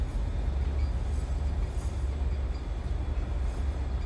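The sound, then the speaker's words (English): A train rushes steadily along the tracks through the countryside, a constant heavy low rumble with a dense rattling roar, sustained throughout with no voices. “The train streaks through the countryside.”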